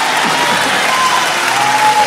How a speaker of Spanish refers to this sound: Vamos, vamos, aplauda a Dios fuerte, aplauda a Dios.